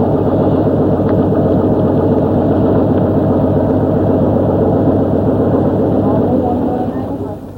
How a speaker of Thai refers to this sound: เรือลำเล็กที่ติดเครื่องยนต์ขนาด30แรงม้าถูกนำมาใช้แทนแรงงานคน